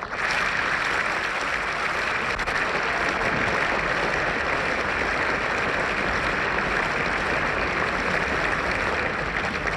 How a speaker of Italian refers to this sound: Gli applausi al regista e all'interprete del film presenti nella sala si sono rilevati con più insistenza e spontanei al termine della proiezione del film.